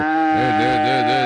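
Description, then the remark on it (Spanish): A cow being milked lets out one long, loud moo, its low, droning pitch wobbling up and down as the call is held without a break. No voices are heard. “Esa sí se deja ordeñar hasta acostada, tía, ese animalito.”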